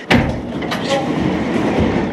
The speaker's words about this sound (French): on va prendre l'ascenseur et on va aller au sommet de l'aqueduc.